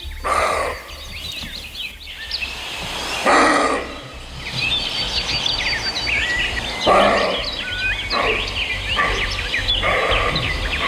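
A roe deer buck in Slovenia gives hoarse, dog-like barks, about six or seven spaced irregularly, over steady birdsong and a low outdoor hum.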